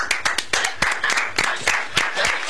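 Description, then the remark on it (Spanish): A short burst of applause from a small group, with sharp hand claps layered over a steady wash of clapping for a couple of seconds. No one speaks. “Ahí está. Aplausos.”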